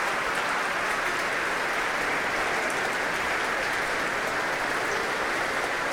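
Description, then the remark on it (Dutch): Sustained, dense applause from a large concert audience for the Concertgebouw Orchestra as it stands, in the main hall of the Concertgebouw, steady and loud throughout with many overlapping claps and no distinct voices. “Laat het orkest weer opstaan om dit zeer enthousiaste applaus in ontvangst te nemen.”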